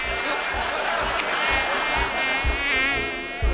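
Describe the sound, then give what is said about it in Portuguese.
A mosquito whines steadily, its thin high-pitched buzz wavering up and down in pitch, with faint rhythmic low thumps underneath throughout. “Tem um pernilongo aqui. Ainda tem.”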